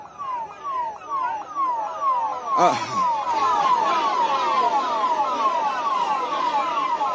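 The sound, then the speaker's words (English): A police car's siren yelps in rapid, repeating up-and-down sweeps as it tries to come in, loud, briefly punctuated by a short blaring horn blast midway, with traffic noise underneath throughout. “And now we're also getting the visuals of this police car trying to come in.”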